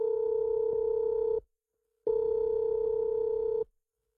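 Two long ringback tones sound as a phone call is placed, each a steady electronic buzz lasting about a second and a half, separated by a brief silence. Clear, with no voices.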